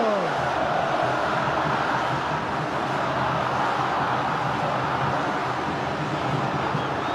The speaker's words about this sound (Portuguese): Ouça a torcida tricolor cantando!